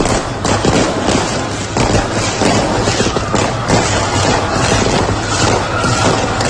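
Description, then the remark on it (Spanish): Continuous fireworks exploding in the sky over Roquetas de Mar, Spain, celebrating the Spanish team's World Cup win: a dense barrage of loud bangs and crackles in rapid succession with no pauses, filling the whole stretch with booming bursts. “Fuegos artificiales tomaron el cielo de roquetas de mar.”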